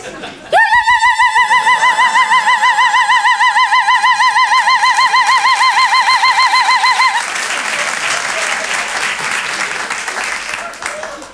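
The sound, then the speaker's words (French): A voice mimics a loud, warbling alarm siren, a steady wavering wail held for about six seconds, then the crowd breaks into applause and laughter. “De toute façon, si quelqu'un me touche, je me déclenche comme l'alarme.”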